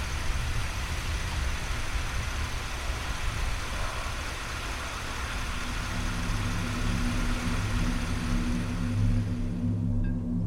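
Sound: car engine idling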